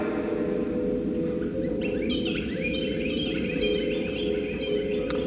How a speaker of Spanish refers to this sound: Aquí es de noche, canta el jilguero y ladran los perros.